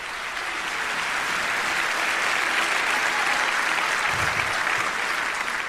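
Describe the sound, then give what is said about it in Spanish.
An audience claps steadily for several seconds, a dense, even wash of many hands with no voices over it and no break in the sound. “Dale un aplauso si puede, pero con fuerza.”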